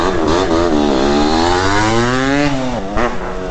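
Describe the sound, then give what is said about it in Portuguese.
A voice imitates the loud, raspy exhaust of a noisy RD two-stroke motorcycle with a straight-through exhaust, a continuous buzzing drone that rises and falls in pitch as if revving, forceful throughout. “O bode da moto era mais ou menos assim, ó.”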